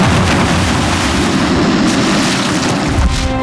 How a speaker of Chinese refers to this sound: 虽然它爆炸的威力很大，但是引爆这颗炸弹呢，却是这颗子弹里一点点火药